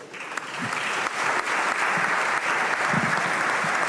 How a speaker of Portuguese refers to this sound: Aplausos na Câmara.